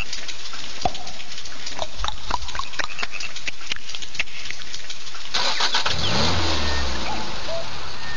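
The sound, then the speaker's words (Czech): A Škoda Octavia's starter cranks in a rapid run of clicks for several seconds before the engine catches with a loud roar and revs up. No one speaks. “hodná oktávka, hodná, fakt, jo, jako. Pojď, pojď, pojď, pojď. Pošle to pánička, no, startuj”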